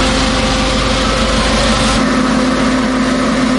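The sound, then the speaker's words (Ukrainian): An ambulance engine runs loud, a steady droning rumble with a constant hum; partway through the low-end tone shifts as the ambulance pulls away from Shakhtarske, carrying a boy on a long evacuation road. “Врешті швидка рушає, попереду довга дорога, яку хлопчику нелегко буде витримати.”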